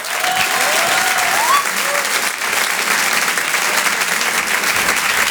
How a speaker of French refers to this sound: Je vous demande de l'applaudir très fort pour cet Open du Rire.